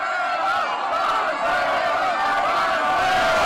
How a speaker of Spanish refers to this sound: se trasladaron caminando al Ángel de la Independencia, donde al igual que en el Fan Fest se desató una explosión de emociones, cánticos y el ondear de banderas amarillas que se entrelazaban con las mexicanas.